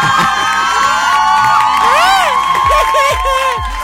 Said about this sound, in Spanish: ¡Dame un aplauso!